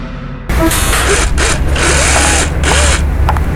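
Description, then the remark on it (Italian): A power drill, used to dismantle a shop sign, starts abruptly and runs loud and steady, its harsh whine surging and dipping in short bursts as it works, with a faint rising squeal riding on top. “Sto smontando l'insegna, no?”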